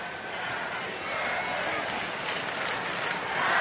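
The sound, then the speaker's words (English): A big baseball crowd in L.A. chants "Happy Birthday" together for Otani as he bats, a dense, steady wash of many voices that stays loud for the whole stretch and swells slightly toward the end. “Crowd chanting happy birthday for Otani right now.”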